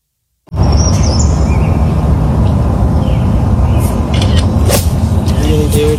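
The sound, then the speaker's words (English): Birds chirp over a loud, steady roar of rumbling noise, recorded on a cell phone, with a whippoorwill call and a few sharp woodpecker taps cutting through near the end. “You hear the whippoorwill, the woodpecker.”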